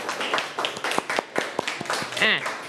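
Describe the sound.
Scattered, uneven hand claps from a small group ring out at moderate volume for a couple of seconds, mixed with voices talking and a brief rising vocal sound.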